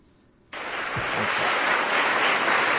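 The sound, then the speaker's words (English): A crowd of Department of Justice employees in Washington, D.C. breaks into applause for newly sworn-in Attorney General Todd Blanche after a brief quiet moment, the clapping swelling suddenly into a dense, steady wash that holds at full strength, with a faint voice briefly underneath. “You clap because I'm your boss.”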